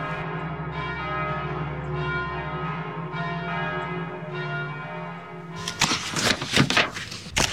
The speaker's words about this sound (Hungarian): És zengve, zúgva, egymásba olvadtan megszólalnak a Róma harangjai. Riad galambok rebbennek fel a Pantheon kupolájáról, esetlen szárnyalással, ebben a mennydörgésszerű, hatalmas, félelmetes és nagyszerű harangozásban.